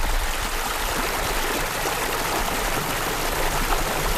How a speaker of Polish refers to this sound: W Rudzie Malenieckiej rzeka Czarna zwalnia na tyle, że od lat pomaga hodować słynne karpie.